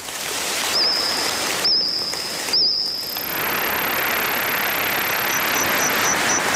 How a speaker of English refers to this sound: Insects chirping, trilling and squawking there, making up the soundtrack of a new Steven Spielberg series called The Dinosaurs